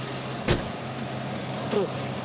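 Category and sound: vehicle, tractor engine running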